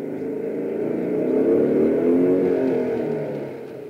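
A motorcycle engine rumbles steadily, growing louder as it drives up to a gate, then eases down toward idle near the end. No voices, just the continuous low engine drone.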